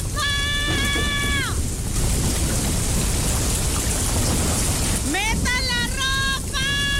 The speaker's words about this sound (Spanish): Llovió bien machín, dice aquí. Y así ayer.